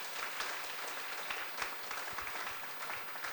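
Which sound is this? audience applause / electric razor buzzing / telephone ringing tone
audience applause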